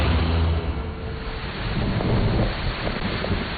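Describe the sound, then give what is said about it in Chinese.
Steady heavy rain pours down outside with low rumbling thunder and gusty wind noise, a dense continuous wash of sound with no voices. “趁外面下雨，跟他们来个调包戏。”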